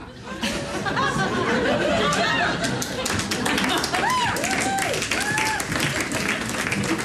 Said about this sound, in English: applause for that.